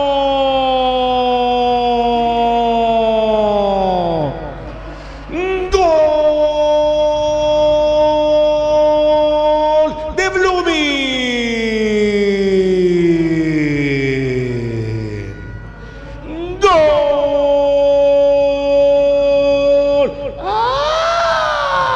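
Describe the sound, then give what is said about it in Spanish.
A loud stadium siren wails in repeated cycles after a football goal, each tone sweeping downward before cutting off and restarting, with a crowd roaring faintly underneath throughout. “Esa es su sirena.”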